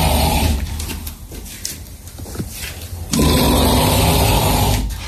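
A man snores loudly nearby, with a harsh, rattling drone that swells, dips into a quieter breath for a few seconds, then roars back up. No one speaks.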